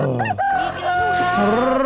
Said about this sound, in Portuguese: galo, galo, galo, galo, galo, galo cantando.